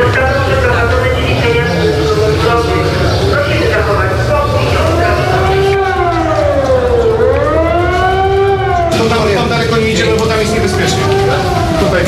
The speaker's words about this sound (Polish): W całym mieście zawyły syreny.